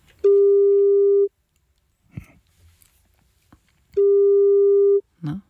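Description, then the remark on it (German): A telephone ringback tone sounds twice as a call is placed to the phone number of someone who applied for tickets to the Classic Open Air in Hannover, each a steady one-second electronic beep separated by a long pause, with faint clicks and rustling in between; no one speaks. “Wir haben hier eine Telefonnummer von jemandem und da rufen wir jetzt mal an und gucken, ob er oder sie rangeht.”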